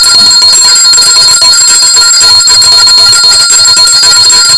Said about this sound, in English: I have to ring the bell to all those.